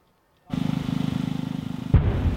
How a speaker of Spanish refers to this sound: Este es el momento en el que un dron ucraniano impacta en una playa de Rusia.